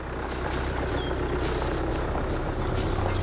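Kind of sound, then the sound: vehicle, tractor engine running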